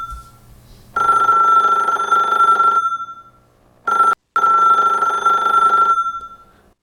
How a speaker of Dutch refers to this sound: Oh, telefoon.